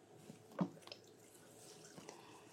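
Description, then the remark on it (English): Unsweetened almond milk is poured into a bowl while making quinoa waffles: a soft splash near the start, then a few faint drips and quiet liquid trickling, with no talking. “We get our calcium and yes, you can pour it in.”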